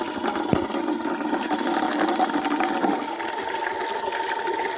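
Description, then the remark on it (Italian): Water runs steadily from a fountain tap, a continuous hiss and splash that holds at an even level throughout with no pauses, and a faint mechanical hum underneath. “Io c'ho una sete! Adesso falla buttare un po', eh! Perché sennò è calda!”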